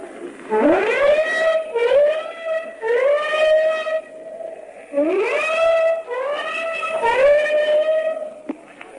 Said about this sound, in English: The whole ship has just gave its warning whistles, and now the flak is coming up in the sky, and streamers from the warships behind us.